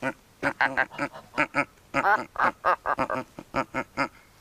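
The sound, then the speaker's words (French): Geese honk in a rapid, uneven run of about fifteen short nasal calls, loud, with brief gaps between them. “Les oies, c'est dur de les faire parler.”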